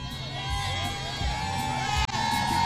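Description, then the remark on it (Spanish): A large outdoor crowd cheers and shouts continuously outside the Arena Monterrey, people queuing for an event, with overlapping voices, whoops and a dense babble at a steady, lively level. “Este es el ambiente que se vive aquí a las afueras de la Arena Monterrey, de toda la raza.”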